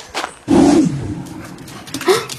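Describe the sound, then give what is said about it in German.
A large dog lets out a couple of high, thin whimpers, with a longer whine early on and a shorter one near the end, sounding small and puppy-like despite a fuller body to the voice. “Wie kann so ein großer Hund nur so fiepsen, dass es sich anhört, als wäre ein Welpe?”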